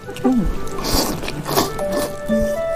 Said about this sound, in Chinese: 哎对， 大家都是在吸溜面的声音。